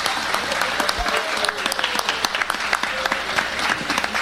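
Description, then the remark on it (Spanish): An audience at a city event applauds the volunteers working at the kiosks, a dense wash of many hands clapping at once with sharper individual claps popping out, sustained and fairly loud for the whole stretch. “Así que para ellos todos un fuerte, fuerte aplauso.”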